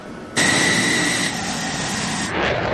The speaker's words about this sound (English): This F-16 fighter jet blasting off from Andrews Air Force Base just after 7 a.m. in hot pursuit of this Cessna plane, which has entered restricted airspace in a training exercise conducted by the Coast Guard and NORAD.